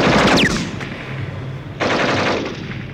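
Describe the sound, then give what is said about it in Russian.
Two loud bursts of rapid machine-gun fire aimed at tanks, a dense rattle of shots, separated by a brief lull with a low droning hum underneath. No voices. “Мой пулемет работал точно. Первая же очередь пуль ушла в щель головного танка, машину занесло в сторону, и она встала со всего хода в руках своего мертвого водителя.”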